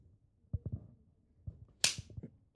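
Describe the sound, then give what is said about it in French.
One sharp, loud slap lands across a girl's face as a father slaps his daughter, a crisp smack standing out after a few soft, low thumps and rustles. “donne une gifle à sa fille.”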